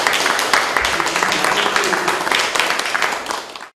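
Steady audience applause in Lutherstadt Eisleben, given in appreciation of a 1,850-kilometre journey, a dense crackle of many hands clapping at an even loudness for several seconds before cutting off abruptly.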